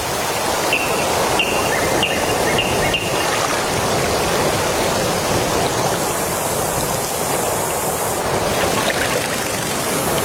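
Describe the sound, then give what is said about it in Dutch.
Steady rushing of flowing water fills the whole recording, a dense, continuous wash with faint clicks and bird-like chirps early on, fairly loud with no talking. “Ja, op het water.”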